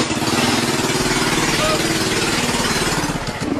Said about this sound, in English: Anybody seen the Georgia man that said gas prices were so high, he started driving a Barbie car instead? A Barbie? A Barbie car. A literal Barbie car.